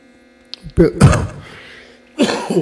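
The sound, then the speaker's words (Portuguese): Coughing and throat clearing from a person still in recovery: a short cluster of rough coughs, a pause, then another throaty burst, over a faint steady electrical hum with no talking. “Por isso que eu estou pensando, desculpa, que de repente pode sair uma tosse assim meio atrapalhada, como diz, porque ainda nós estamos em fase de recuperação.”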